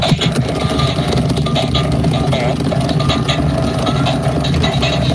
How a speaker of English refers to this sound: Squeeze it. It makes farting sounds. And not even really good ones either. I don't know what's going on, but apparently it's the must-have toy that your kids want.